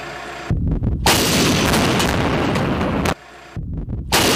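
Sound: artillery fire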